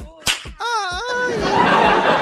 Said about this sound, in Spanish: ¡Ay, no! Un latigazo para él.